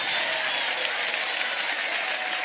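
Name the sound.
audience applauding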